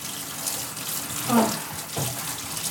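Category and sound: household object, running tap water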